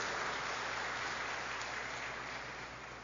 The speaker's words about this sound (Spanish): Felicidades, el aplauso que se sienta.